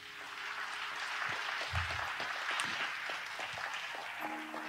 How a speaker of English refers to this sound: If you believe that, give Lord a hand clap of praise.